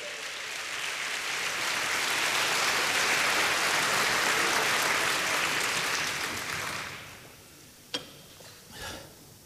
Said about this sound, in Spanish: Alguien dice amén. Dele palmas al Señor.